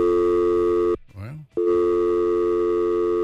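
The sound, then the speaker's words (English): A loud, steady electronic telephone busy signal drones, cut off once by a brief break holding a short fragment of voice before the tone resumes, as the phone lines of a new phone system have all loaded up at once. “Phones got all loaded up there all of a sudden.”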